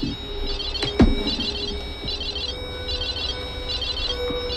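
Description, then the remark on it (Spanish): A digital spirit box device sounds off with rapid, warbling high-pitched electronic pulses in repeating bursts over a steady hiss, broken by a sharp knock about a second in. “Ahí está detectando la energía. Y estamos con el Spirit Box de digital.”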